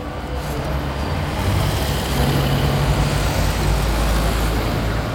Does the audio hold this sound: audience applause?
no